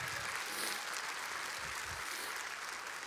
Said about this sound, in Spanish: Wow, alguien denle un aplauso al Señor.